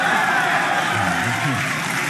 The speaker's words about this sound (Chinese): 那观众的掌声那是给我鼓的，对不对？